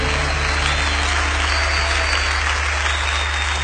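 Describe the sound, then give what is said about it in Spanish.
Steady applause from a crowd applauding the Lord, a dense, even wash of clapping that holds at a constant loud level for a few seconds, with no voices breaking through. “ese aplauso al Señor.”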